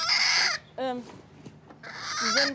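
A hen protecting her eggs gives a loud, harsh alarm call: two long, raspy squawks with a shorter, wavering cry between them, and no voices.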